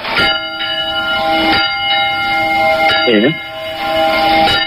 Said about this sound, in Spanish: A ver, las campanas, alcalde, suenan así.